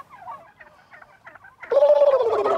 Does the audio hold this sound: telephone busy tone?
no